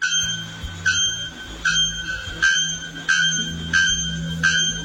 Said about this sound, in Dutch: In de Braziliaanse bossen zitten namelijk twee vogels die samen strijden om de titel van hardste schreeuwer. Eén van die vogels die klinkt zo.